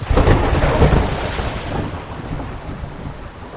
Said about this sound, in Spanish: Anochece. Se ha desatado una gran tormenta.